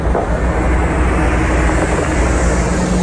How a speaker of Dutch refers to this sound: Hier rijdt een grote bus. AI Data Revolte staat daarop.